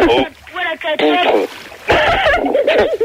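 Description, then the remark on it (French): Water splashes and sloshes in short repeated bursts as someone plays with water, mixed with voices talking and calling over the top for about three seconds, fairly loud throughout. “Bon, alors qui c'est qui a un portable et qui s'amuse avec de la flotte là, depuis tout à l'heure?”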